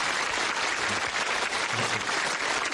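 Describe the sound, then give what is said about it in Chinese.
An audience claps steadily, a dense, even wash of applause that holds at a constant loudness for the whole few seconds, with no voices standing out. The applause thanks a choir singer from the troupe who stepped in at short notice to perform. “所以我建议大家鼓掌，对王老师救场表示感谢啊。”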